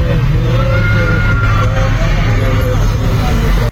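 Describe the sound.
Heavy road traffic rumbles steadily as a queue of five or six sugarcane trucks idles and creeps from the Kacuk junction toward the Kebonagung sugar mill, with deep engine drone and a dense low hum, and faint background voices.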